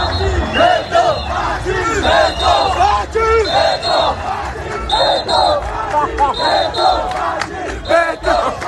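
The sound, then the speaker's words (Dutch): A large crowd of fans celebrating their team's qualification against Uzbekistan chants "Faci Beton" and shouts together in loud, rhythmic bursts. Many overlapping voices and whistles or high squeals cut through a dense, continuous roar of celebration. “En als je nu denkt, wat zijn ze daar aan het roepen? Dat is Faci Beton.”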